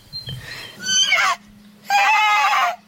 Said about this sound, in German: Los, voll dringend gehört mir wieder das Wiehern.